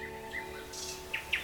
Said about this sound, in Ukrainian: і навесні з вирію повернувся соловейко. Він розгублено кружляв над спаленим лісом і сумно витьохкував